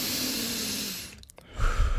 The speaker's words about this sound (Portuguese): Também para respirar. Respiremos. Respiremos. Fundo, vamos respirar fundo.